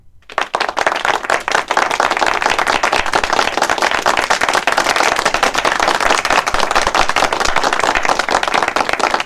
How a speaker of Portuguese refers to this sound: Eu tenho que aplaudir vocês. Eu tenho que aplaudir. Cadê o pessoal do aplauso?